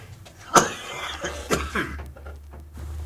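A single sharp cough bursts out near the start, followed by a couple of softer, rough throat sounds and breathy noise over a low steady hum. No one speaks.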